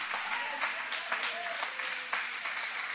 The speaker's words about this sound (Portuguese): Levante a sua mão aplaudindo o nome dele com alegria.